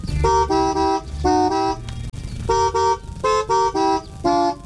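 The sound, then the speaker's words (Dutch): A man in a car honks the car horn to play a song, a short melody in a series of distinct toots, some short and some held, with brief pauses between them, loud with faint background noise. “die gaat richting de auto en hij zal zometeen gaan toeteren”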